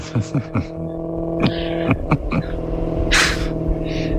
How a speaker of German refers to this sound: Und ein Maserati im Hintergrund. Haha, das waren noch Autos.